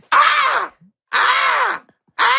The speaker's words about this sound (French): Corneille. Ouais, exactement.